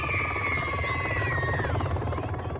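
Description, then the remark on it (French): A helicopter, first heard from afar in the air, lands specially for children: loud, steady rotor thumping under a high turbine whine that slowly drops in pitch, continuous throughout with no voices. “Au loin, un bruit se fait entendre depuis les airs. Un hélicoptère atterrit spécialement pour les enfants.”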